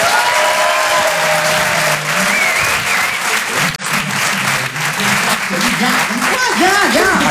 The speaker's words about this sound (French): Le Rire et Chanson Comedy Club. Découvrez vos futurs stars du rire. Je vous demande d'applaudir très très fort, s'il vous plaît, les Glandeurs Nature.